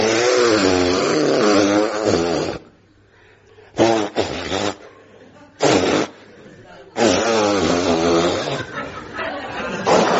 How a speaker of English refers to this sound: Well, and so finally we come to the moment you've all been waiting for. I'm going to blow my nose.